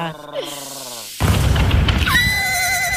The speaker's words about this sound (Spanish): Ay, es un ruido de caballo.